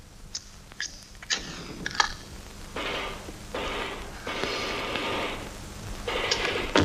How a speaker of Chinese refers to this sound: 啊，伙计，你们团部这个电话怎么搞的？老打不通呢。